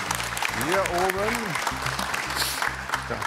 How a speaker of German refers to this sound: Wir warten immer den gebührenden Applaus ab.